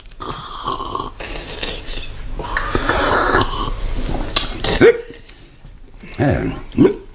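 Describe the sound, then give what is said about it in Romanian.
Several sharp, abrupt hiccups spaced a second or two apart, with breathy noises and rustling between them. “Nu știam că sughiți.”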